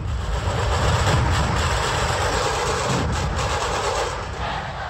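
A massive wall of more than 4000 dhol tasha drums playing together in Nagpur on a Sunday for a world record, loud and unbroken, with deep booming thuds and sharp rattling strokes blurring into one continuous roar rather than distinct individual beats.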